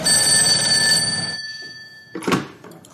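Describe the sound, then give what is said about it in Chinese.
A loud telephone bell rings in one long metallic burst, then cuts off and fades, followed by a brief clattering knock a moment later. It is the phone in Zhou Yi's office at the police headquarters, dialed by the gate guard. No one speaks. “门岗拨通了周乙办公室的电话。”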